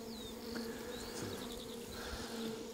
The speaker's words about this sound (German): Die habe ich tatsächlich schon lange nicht mehr aufgehabt. Also ich habe ja so 20% meiner Kisten, die ernte ich überhaupt gar nicht. Das sind die Bienen für sich und das ist eine so eine Kiste.